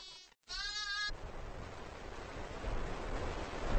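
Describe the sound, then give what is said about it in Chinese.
A domestic sheep, the most common livestock of nomadic herders, bleats in a short burst, then again with a wavering, quavering cry, before the sound gives way to a steady rushing noise like wind across open ground. “绵羊是最常见的家畜，”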